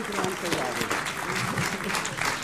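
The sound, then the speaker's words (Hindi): An audience claps steadily in a dense, continuous wash of applause, with voices talking and cheering over it throughout, applauding Anurag Bhadauria of team Dolly Sharma, named the day's winner on Aaj Tak's debate show Bahas Baazigar. “तालियों के साथ आज के बहस बाजीगर अनुराग भदौरिया के लिए ताली बजाइए।”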